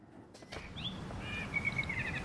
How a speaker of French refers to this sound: Le soir tombe doucement sur Aubonne. On entend un merle qui siffle dans le sapin voisin.